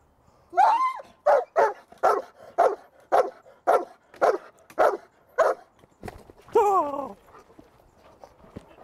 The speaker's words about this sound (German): Wenn der Hund gebellt hat, dann ziehen Sie den Ärmel hoch. Ja. Die Krampe muss in Richtung Hund sein, dass er auch eine Chance hat, ja, einzubeißen.